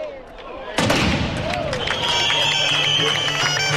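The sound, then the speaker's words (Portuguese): Fireworks aerial bombs go off over the Praza de España (Praza do Concello) in Pontevedra, Spain, at the opening of the Peregrina 2026 festival. A sudden loud bang is followed by sustained booming and crackling and a high whistling tone, while a crowd murmurs and voices chatter underneath. “Sonan os fogos artificiais, bueno, máis ben as bombas, digamos, en na Praza de España de Pontevedra, na Praza do Concello, unha nova edición das festas de Pontevedra.”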